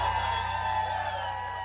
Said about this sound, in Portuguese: Quem gostou, quem tá gostando, bate palma e faz barulho.